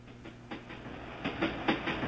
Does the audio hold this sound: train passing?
yes